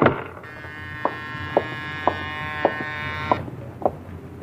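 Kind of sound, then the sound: household object, doorbell ringing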